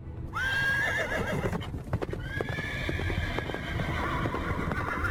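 The horse-drawn chariot of Prince Udayakumaran arriving: steady clip-clopping hoofbeats under a loud, rumbling bed, with a high, wavering horse whinny near the start and a long, sustained neigh later. No one speaks.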